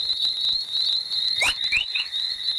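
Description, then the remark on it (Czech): Chorus plasma waves recorded by space probes near Earth, signals arising mostly at the edge of the radiation belts: a few quick rising, bird-like chirps over a steady high-pitched whine and faint crackle, with a brief sharp burst as the chirps begin. “Chorus trošku připodobní k štěbetání ptáků.”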